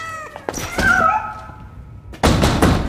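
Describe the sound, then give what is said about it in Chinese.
A few dull, heavy knocks on a door land irregularly, with a cat meowing loudly in between and a burst of thumping noise near the end. No one speaks. “开门！我知道你在里边，臭小子。”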